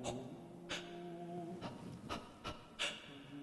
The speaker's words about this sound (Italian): La geotermia respira. La geotermia fruscia.